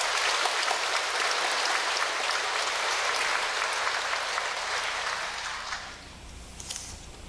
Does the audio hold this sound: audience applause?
yes